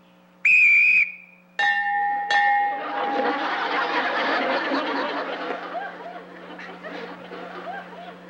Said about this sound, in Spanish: Cuando yo silbe, ustedes se atacan uno al otro. ¿Listos?